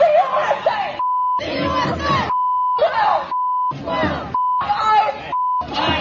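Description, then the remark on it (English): A protest crowd shouts and chants "F ICE", "F America" and "F the USA" in loud bursts, repeatedly cut off by steady high-pitched censor beeps, five or six in a row, alternating with the yelling in a choppy rhythm. “That's why I wanted to explain what you're hearing because it was just nonstop beeps.”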